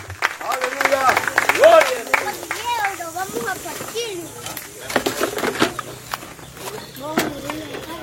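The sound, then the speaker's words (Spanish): A church audience applauds for Jesus in a scattered burst of claps, fairly loud at first and thinning out, while several voices talk and call out over the clapping. “Desde aplauso a Jesús, hermano.”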